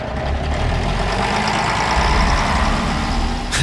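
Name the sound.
bus engine idling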